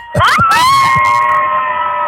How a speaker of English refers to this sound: there's this many people that's gonna scream when they hear it. Everybody scream!